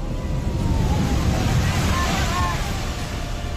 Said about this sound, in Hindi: कलिम्पोंग में भारी बारिश के चलते एक बड़ी लैंडस्लाइड हुई और पहाड़ से पत्थर और मलबा अचानक सड़क पर आ गए।